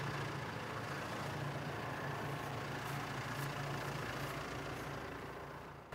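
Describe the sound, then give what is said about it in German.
A tractor engine idles steadily at low revs after stopping on waterlogged ground it was flattening and compacting, a continuous deep rumble with a throbbing low hum, moderately loud, fading slightly at the very end. No one speaks. “Der Boden unter dem Traktor beginnt zu schwimmen.”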